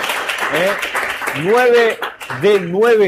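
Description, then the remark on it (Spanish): An audience applauds a quiz contestant's correct answer about the World Cup in a steady, dense wash of clapping, while a voice rises and falls over it with drawn-out, sung-like tones. “Fuerte el aplauso.”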